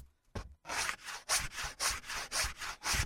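Rhythmic back-and-forth rasping of sandpaper on the edges of wooden feet, about eight quick strokes in a steady rhythm, fairly loud with no voices.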